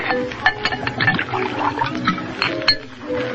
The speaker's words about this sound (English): Pour yourself a drink.